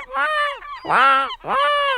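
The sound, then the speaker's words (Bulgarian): A voice imitates a seagull call with three loud, nasal squawks in quick succession, each a harsh wavering cry separated by brief gaps, with no talking. “Айде, айде, ти като го правиш, всички разбираме, че е чайка.”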